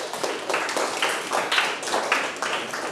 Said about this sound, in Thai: ปรบมือให้กลุ่ม3ด้วยครับ